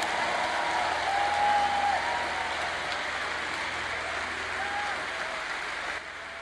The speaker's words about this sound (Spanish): Le das un aplauso al Rey. Ese aplauso está bueno si es para mí, pero si es para Dios, hay que hacerlo mejor.